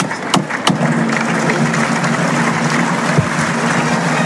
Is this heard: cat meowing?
no